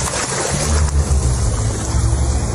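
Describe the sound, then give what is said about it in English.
Continuous splashing and sloshing of harbour water as sea creatures bought from a tank are released into the wild, with a low, rumbling wash underneath and some wind buffeting the microphone, steady throughout with no voices. “releases them into the wild.”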